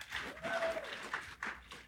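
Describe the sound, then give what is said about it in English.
A crowd at a British Columbia political meeting applauds in a dense, steady patter of clapping for about two seconds, with a few whistles or cheering voices rising above it. “Woo! 4 weeks! Yeah, clap!”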